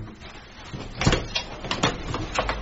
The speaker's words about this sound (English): was about to leave the house when there was a righteous knock at the front door.